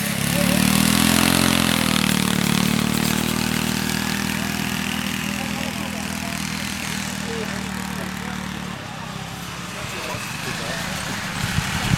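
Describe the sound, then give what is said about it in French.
A small engine, like a ride-on lawn mower, drones loudly and steadily with a low, buzzing hum, then cuts out near the end, leaving quieter background noise. “Tu connais, je sais, les courses de tracteurs tondeuses?”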